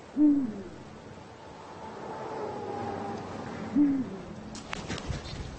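A Eurasian eagle-owl gives two deep, short hoots spaced a few seconds apart, standing out against a soft background hiss, with a few faint rustling clicks near the end.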